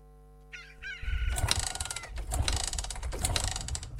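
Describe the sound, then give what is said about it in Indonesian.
A motorbike engine is being warmed up early in the morning, kicking in after a brief chirp and starting a loud, rattling, rumbling idle that surges and pulses unevenly for about three seconds. “Pagi-pagi gini udah manasin motor.”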